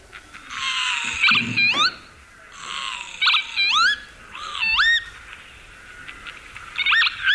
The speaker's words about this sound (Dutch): Ja, de kievit. Ja, de kievit.